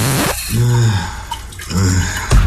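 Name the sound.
shower water running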